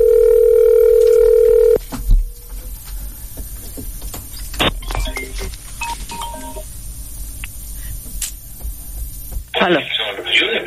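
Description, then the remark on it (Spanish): As a phone call is transferred to a mobile phone, a steady telephone line tone hums for a couple of seconds, then cuts to faint clicks, brief electronic beeps and line noise, ending with a loud burst of crackly static. “Llamada transferida a móvil.”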